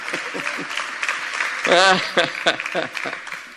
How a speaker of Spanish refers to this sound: Sí, aplauda.